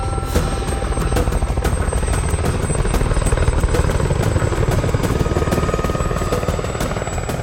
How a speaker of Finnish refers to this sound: Muutaman viikon päästä Boothin helikopterit laskeutuu Ruffin alueelle. Joo, ei lentokoneet, kun tämä on pienempi toimitus.